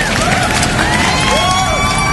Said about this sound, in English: But let's have a little bit of a practice. All right, the left side of the room. Let's get a little bit of round of applause.